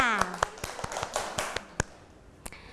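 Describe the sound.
Children clap their hands in a loose, uneven burst of sharp claps that thins out toward the end, with a voice heard briefly at the start.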